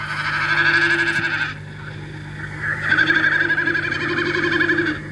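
Common snipe drumming: two throbbing, goat-like bleating bursts with a fast tremolo, each lasting one to two seconds with a short gap between, heard fairly clearly over a steady low background hum.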